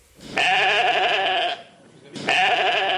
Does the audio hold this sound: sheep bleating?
yes